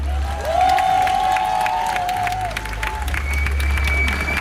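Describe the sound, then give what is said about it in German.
An audience claps steadily and loudly for several seconds, a dense crackle of many hands, with a few sustained whistle-like tones riding over the applause. “Jetzt bitte um Applaus.”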